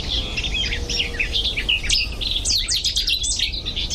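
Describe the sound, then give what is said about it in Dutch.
A Cetti's warbler sings loud bursts of sharp, rapid notes, with a cuckoo and other bird chirps mixed in over a steady low outdoor rumble. No voices are heard. “koekoek weer en een city zanger.”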